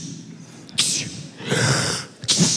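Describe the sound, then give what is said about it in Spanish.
A voice mimics sneezing, imitating the dead boy in the Bible story who sneezes seven times, giving three breathy, hissing bursts in quick succession, the middle one drawn out longer. Fairly loud, with no talking. “El muerto estornuda 7 veces para que entiendan lo que está pasando.”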